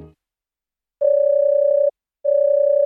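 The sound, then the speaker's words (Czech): A telephone ringback tone on an outgoing call to the Havelka coal warehouse company (Firma Havelka uhelné sklady): two long, steady, mid-pitched beeps with a short pause between, heard alone with no talking. “No, konečně. Helejte, k vám se taky dovolat.”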